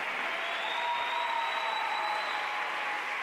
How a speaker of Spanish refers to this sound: Un aplauso para el Rey de Reyes, venga.